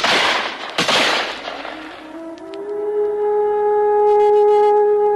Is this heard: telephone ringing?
no